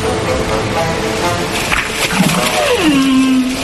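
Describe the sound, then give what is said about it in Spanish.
A killer whale call: a single drawn-out tonal cry that slides downward in pitch near the end, standing out clearly over a dense, rushing background. “¡Cuidado! ¡Peligro! ¡Es una orca! ¡El animal más mortífero del océano! ¡La ballena asesina!”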